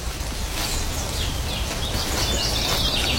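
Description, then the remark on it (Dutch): A blackcap sings a bright, warbling phrase outdoors, rising and tumbling over a steady low rumble of ambient noise, with no voices present. “Dat is een zwartkop.”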